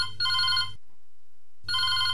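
A telephone rings for the next incoming call to a radio programme, in two clear bursts separated by a pause, the electronic ring fairly loud with no voices.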